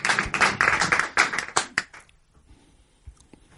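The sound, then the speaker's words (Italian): Audience applause at the start of a theatre piece, many hands clapping at once, a loud dense burst for about two seconds that quickly thins out to a few scattered claps before fading into quiet. “Applauso per applauso che Avance inizia il pezzo teatrale.”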